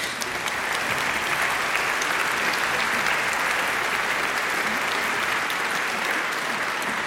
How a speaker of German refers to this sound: Applaus.